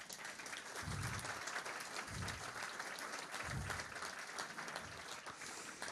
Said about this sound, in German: Und ich finde, das ist auch mal ein Applaus wert, dass er hier ist.